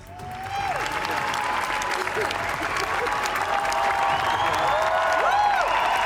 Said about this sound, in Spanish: Más de 20 minutos de aplausos que emocionaron a todos, especialmente, como ven, a Penélope Cruz.